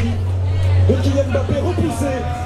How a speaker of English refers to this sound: It's a hot night in Paris. There are screens set up everywhere at all the bars and cafes and crowds watching. There are just tons of people out here and many are wearing Moroccan flags on their back.